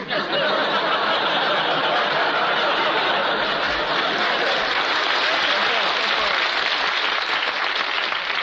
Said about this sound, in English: Please, there's two ways to take that applause.